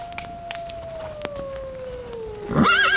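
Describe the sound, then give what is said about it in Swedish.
A long, thin, gradually falling wolf howl drifts in the distance, then a horse whinnies near the end, a loud, quavering neigh with a wobbling pitch. “Mitt bröd och min äl och min häst.”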